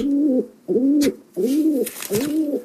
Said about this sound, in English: For those who are Bill Laurie fans, I can confirm that's Wendy the Pigeon at the Ecker. Good old Wendy.